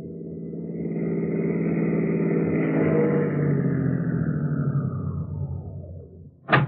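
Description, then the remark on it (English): Two city police cars rumble and slow, the steady engine drone easing down as they pull up and stop in front of a rooming house at 4 o'clock in the morning, ending with a single sharp click. “So at 4 o'clock the next morning, two city cars pulled up in front of the rooming house at 8722 2nd Avenue.”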